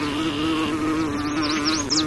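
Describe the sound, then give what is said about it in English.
A bumblebee buzzes loudly and steadily for about two seconds, a low droning hum with a rich, raspy tone. Partway through, quick high-pitched chirps flit above the drone. “Many flowers roll out the red carpet for desired visitors like hummingbirds and bumblebees, with bright colors and petals that act as landing pads.”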